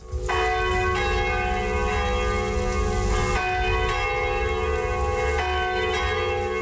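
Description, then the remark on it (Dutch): The two bells high in the tower of the Sint-Andreaskerk in Meerlijk ring loudly and steadily, their deep strikes repeating about once a second, each tone ringing on and overlapping into a dense, shimmering wash of sound. No voices are heard. “De twee klokken hoog in de toren slaan nog wel ieder uur.”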